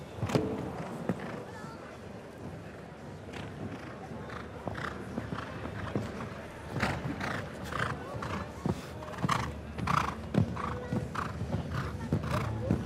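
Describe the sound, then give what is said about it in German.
A show jumping horse ridden by Frederik Tillmann strikes the ground in an irregular series of sharp hoof thuds that grow louder toward the end as it rides the line to a double combination at a show jumping tournament. A whinny sounds amid the steps, with a faint voice talking underneath. “Auch eher schön gerade das Pferd gehabt.”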